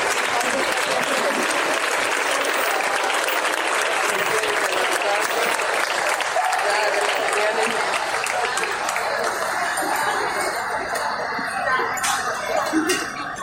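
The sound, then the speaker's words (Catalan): A crowd applauds the Chove Muixaraca de Valencia, clapping steadily and loudly throughout, a dense wash of applause that thins slightly toward the end, with a few scattered sharper claps standing out. “Un aplaudimiento y muchísimas gracias a la Chove Muixaraca de Valencia.”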